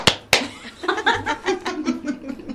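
Two sharp, loud hand claps in quick succession, given by a mother as applause for a correct answer to a Bible question, followed by a stretch of soft laughter and chuckling voices.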